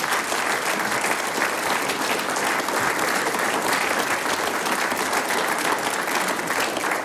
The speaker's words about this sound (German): Euer Applaus. Dankeschön.